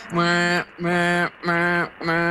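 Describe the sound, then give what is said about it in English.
A toadfish's boat whistle call: four loud, buzzy, foghorn-like hoots in steady succession, each about half a second long, with short gaps between and no talking. “They make a variety of sounds, but one of their most well-known is known as the boat whistle or the foghorn.”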